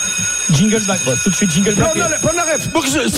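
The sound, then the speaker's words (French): A steady, high-pitched alarm bell rings continuously at 8 in the morning, its sustained metallic tone persisting while people talk loudly over it. “Aïe, ça sonnerie”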